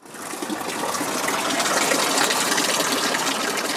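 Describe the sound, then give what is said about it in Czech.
Steady, rushing splash of a fountain in a greenhouse of the Botanical Garden of the Faculty of Science, Masaryk University, in Brno, beside a sales exhibition of carnivorous plants; a dense hiss that swells in within the first second and then holds evenly loud with no voices. “Ve skleníku vedle jedné z fontán v botanické zahradě začala prodejní výstava masožravých rostlin.”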